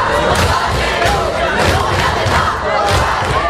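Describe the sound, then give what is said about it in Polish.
A large crowd of protesting high school and university students in France chants loudly in unison, voices rising in regular bursts roughly every half second over a constant roar of shouting. “Wrze we Francji nasiliły się protesty licealistów i studentów, którzy żądają zwiększenia budżetu na edukację.”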